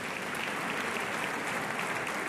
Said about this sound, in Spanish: ¡Qué maravilla, qué maravilla! Jorge Blas, dale un aplauso más fuerte, que es que el tío... ¡Qué guay!